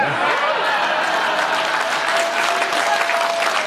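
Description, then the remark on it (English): Loud, sustained applause for President Trump after he removed the tariffs on Scotch whiskey fills the whole clip: dense, steady clapping from a large crowd, with faint voices and a thin whistle-like tone mixed into the roar. “And I know a lot of people think a king's visit is largely symbolic, but he actually got President Trump to remove the tariffs on Scotch whiskey, which earned Trump some serious applause from a prominent Democrat.”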